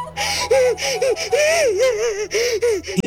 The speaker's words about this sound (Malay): Ibu kenapa menangis? Ada apa, Ibu?